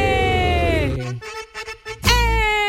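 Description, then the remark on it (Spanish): A radio station's siren sound effect: a loud, brassy siren-like horn blares for about a second, a voice breaks in briefly, then the horn blasts again, dominant. It signals a ticket giveaway. “Para todos los que nos escuchan de 2 a 5 todos los días y los nuevos, bienvenidos, esa sirena significa que tenemos boletos.”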